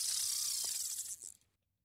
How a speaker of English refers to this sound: Well, that sounds like someone casting a line into the water. Hey, there you go. He's heard it before.